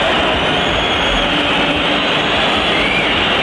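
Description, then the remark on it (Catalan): The Real Madrid crowd at the Bernabéu stadium whistles and jeers at its own team after Rayo go 3-1 down, in a loud, unbroken wash of noise that holds steady for the full few seconds, with no clear individual voices standing out. “I l'afició del Bernabéu, com sentim, va tornar a xiular el seu equip, sobretot després del 3-1 de Sergio Camello pel Rayo al minut 51.”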